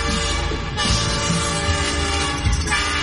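A train horn blares steadily over the loud, continuous rumble and clatter of rolling train cars, sustained throughout with no voices; a train giving tours around the farm at Pumpkin Fest at Gailey Farms.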